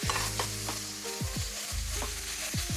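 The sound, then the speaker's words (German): A spoon scrapes and stirs tomato paste into a thick mixture in a sizzling pan, with repeated scraping strokes over a steady frying hiss and no talking. “So, tomatisieren tun wir das Ganze mit ein bisschen Tomatenmark.”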